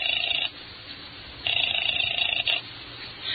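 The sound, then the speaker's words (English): A telephone rings in repeated bursts, a short ring, a pause, then a longer ring, its bright trilling tone fairly loud, with no voices. “I used her phone and called one.”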